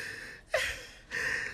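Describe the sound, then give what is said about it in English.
Someone crying softly: a sharp, shaky catch of breath followed by wet, breathy sniffles, fairly quiet, with no talking. “Stop crying.”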